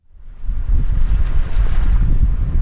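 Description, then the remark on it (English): Ocean waves rush and break steadily on Cape Cod in summer while gusts of wind buffet the microphone, a loud, continuous outdoor roar with no voices. “Sun, ocean breezes, and plenty of waves.”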